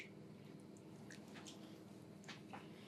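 Soft, wet squelching as the first sausage meat is pushed out of the tube of a sausage stuffer, a few brief moist squishes over a steady low mechanical hum, fairly quiet, with no talking.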